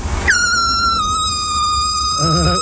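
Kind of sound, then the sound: signal or alarm, horn being honked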